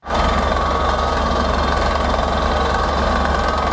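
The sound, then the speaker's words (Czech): A drilling rig engine rumbles loudly and continuously, a steady heavy mechanical drone with no pauses and no voices, as the rig drills a deep water well in the Beskydy mountains. “Horské ticho v posledních dnech ruší rachot vrtné plošiny.”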